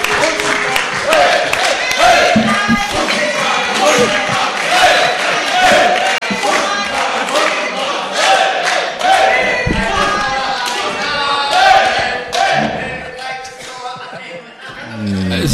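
An audience applauds and cheers steadily, a dense wash of clapping with shouts and whoops rising above it, staying loud throughout.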